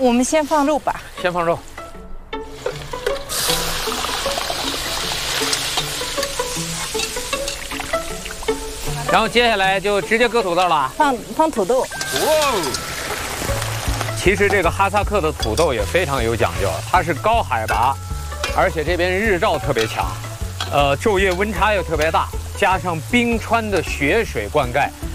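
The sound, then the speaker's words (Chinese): Meat is added to hot Luhua 5S first-grade pressed peanut oil with a sudden burst of steady sizzling hiss that continues under a person talking throughout, with occasional scraping as it is stirred. “我们先放肉吧，先放肉，然后接下来就直接搁土豆了。”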